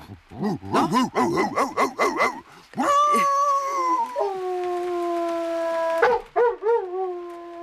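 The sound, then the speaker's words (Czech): A man's voice mimics a dog, starting with a quick run of barks and yips, then rising into a long, wavering howl with a few short yelps at the end, loud. “Já jsem dělával bezhlavýho psa. Tak ukaž.”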